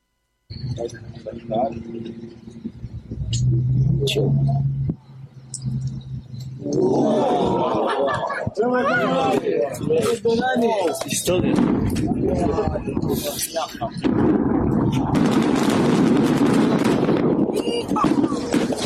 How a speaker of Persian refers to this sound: مردم و سربازان اسرائیلی هم شاهد این آتشبازی نتانیاهو بودند و با شنیدن صدای انفجارها و شعله‌های آتش حیرت، شگفتی و رضایت خود را ابراز کردند.